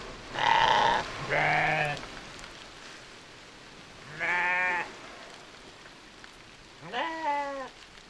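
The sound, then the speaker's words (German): Sheep and lambs bleat four times, fairly loud, two calls back to back, then two more spaced out, over a steady hiss of rain. “An dem Schaf, da an dem Hinterlauf, da kann man an dem Lamm gut sehen, wie die Wolle das Wasser abstößt und es langsam hinten abläuft.”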